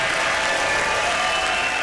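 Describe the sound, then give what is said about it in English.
A steady wash of live concert crowd applause and cheering, dense and fairly loud throughout the short stretch, with no clear voices standing out. “Listen to that crowd again.”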